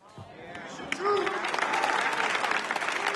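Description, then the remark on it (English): Light, scattered polite clapping from a small crowd, steady and fairly soft, with a few murmuring voices mixed in underneath. “I'm getting these golf course claps.”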